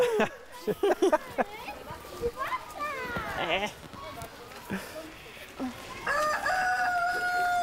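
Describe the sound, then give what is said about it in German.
Chickens cluck in short bursts, and a rooster gives a long, loud, drawn-out crow near the end. Voices chatter intermittently over the birds. “Aber ich bin erstaunt, wie wenig Angst die Hühner haben.”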